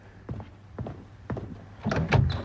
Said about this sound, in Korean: 노크 소리에 당비서가 문을 연다.